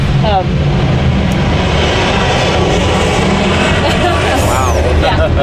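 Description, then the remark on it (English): A loud, steady roar of an airplane passing overhead fills the whole stretch, a broad rumbling wash with voices faintly talking beneath it. “You always have to contend with airplane noise around here.”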